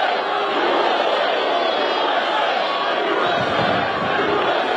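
A large crowd roars and chants in unison, a dense, sustained wall of voices with steady energy and no pauses, at Ultimate Fighting Championship bouts held on the White House grounds on a Sunday.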